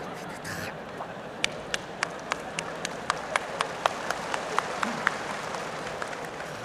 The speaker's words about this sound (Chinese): 还鼓掌，上来俩有劲儿的小伙子，把他轰一下。